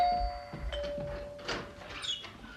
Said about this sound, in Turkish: Yoksa hala uykuda mısınız? Neredeyse zilin düğmesi elime yapışacaktı.